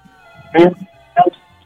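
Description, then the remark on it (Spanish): A caller's radio plays music quietly in the background of a phone call, with steady, sustained tones, while two short bursts of a person's voice come through over it. “Y si le puedes bajar a tu radio, porfa.”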